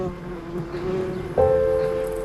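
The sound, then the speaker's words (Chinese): A bee buzzes in a steady droning hum that suddenly jumps in pitch and grows louder as it swoops nearer, then keeps circling around people who are told not to move. No one speaks. “它不蜇人的，哪里来的蜜蜂啊？”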